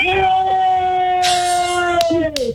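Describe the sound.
A long, steady wolf-like howl, probably a human voice imitating one, holds loud and unbroken for over two seconds while a family cheers and shouts noisily in the background.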